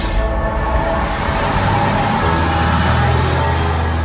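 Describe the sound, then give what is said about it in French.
Loud, continuous road traffic rumbles around a small obelisk at the corner of avenue de Chanzy and rue Saint-Melaine, at the exit of Laval towards Le Mans, a dense wash of engine noise and low droning hum that holds steady for the whole stretch, with no voices. “Avez-vous remarqué ce petit obélisque noyé dans la circulation ?”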